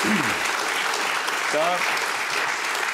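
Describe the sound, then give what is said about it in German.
Steady, dense applause from a large audience fills the whole stretch, with a brief vocal cheer or shout rising out of the crowd midway. “ja, da kann man klatschen auf jeden Fall.”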